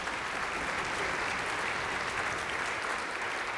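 An audience claps steadily in a dense, even wash of applause that holds at a constant level for a few seconds, with no voices standing out.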